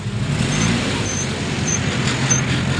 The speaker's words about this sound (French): Devant cette station-service de Brazzaville, la longue file des voitures qui attendent le carburant dépasse les 100 mètres.